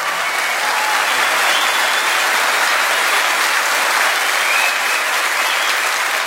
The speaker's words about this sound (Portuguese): Obrigado, …. Um aplauso de vocês. Obrigado.